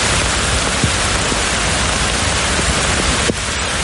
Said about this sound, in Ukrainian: Метеорологи пояснюють, спека створює загрозу сильних гроз зі зливами. Рясний дощ напередодні випав у Берліні.